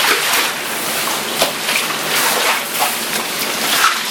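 Heavy rain pours down during a thunderstorm in a dense, steady hiss, with brief splashy spatters rising now and then above the constant downpour. No thunder or voices stand out.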